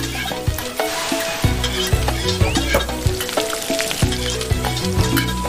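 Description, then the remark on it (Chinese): Garlic sizzles and crackles steadily as it is fried in hot oil until fragrant, a continuous frying hiss with occasional stirring clatter and no talking. “好，放蒜、 爆香。”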